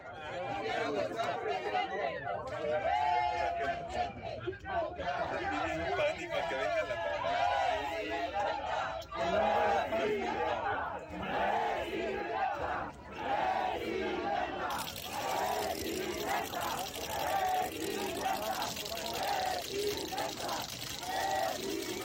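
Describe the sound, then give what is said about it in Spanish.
A large crowd in Querétaro, Mexico, shouts and chants "coordinador, coordinador" together as it receives Santiago Nieto Castillo at a venue, in a loud, continuous roar, with rhythmic rising bursts of many voices over dense background chatter throughout. “Bajo gritos y consignas que le decían "coordinador, coordinador", fue que lo recibieron en el recinto.”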